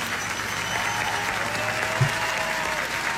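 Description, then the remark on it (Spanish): Steady applause from a crowd, a dense continuous patter of many hands clapping at moderate loudness for a few seconds, with no voices rising above it. “Aplauso, señor.”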